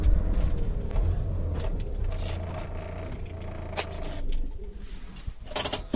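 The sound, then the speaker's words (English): A car's engine rumbles low as it pulls into an alley, with gravelly scraping and light rattles, then a few sharp clatters near the end. No one speaks. “There's an alley up ahead. I'm pulling in.”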